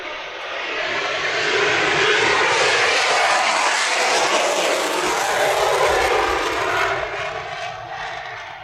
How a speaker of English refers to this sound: Yeah, we're not competing with that. No. F-22 on the way out, and out we have another.